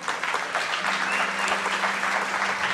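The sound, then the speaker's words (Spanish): Steady audience applause for the creative team, a dense crackle of many hands clapping at an even loudness throughout, with a faint low hum running underneath and no voices standing out. “Un aplauso para el equipo creativo de acá, mira eso, wow.”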